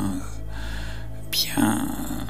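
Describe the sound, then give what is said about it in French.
Slow, amplified breaths drawn and pushed through the nose in an alternate-nostril breathing exercise, a soft airy hiss swelling and fading, with a low steady hum underneath and no talking. “Et on peut avoir une respiration un peu amplifiée si on souhaite”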